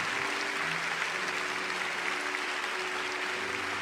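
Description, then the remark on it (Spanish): An audience applauds God steadily, a dense wash of many hands clapping at a constant level for a few seconds, with a faint tonal hum running underneath and no voices rising above it. “Y le damos aplausos a Dios.”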